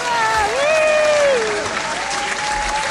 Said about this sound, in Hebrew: ועוד כפיים, כי למה לא? כי אנחנו יכולים.